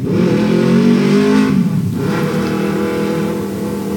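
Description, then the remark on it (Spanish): A loud motorcycle engine with an open exhaust revs steadily outside, its low droning pitch rising and holding with a brief dip midway, idling and throttling without any voices. “¿Una moto?”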